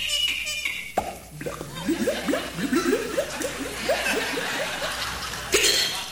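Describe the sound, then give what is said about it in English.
A performer's voice imitates liquid glugging from a bottle after a cork is pulled, making a quick rhythmic run of rising, hollow gurgles for several seconds, with no words spoken. “And water gurgling, you know, when you pull the cork out of the bottle.”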